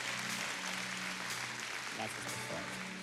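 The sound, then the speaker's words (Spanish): Steady, dense clapping from a large church audience at the Centro Cristiano during a morning service fills all three seconds at an even loudness, applauding the Lord, with a voice briefly rising over the wash of applause. “Mantenga ese aplauso bien fuerte, vamos.”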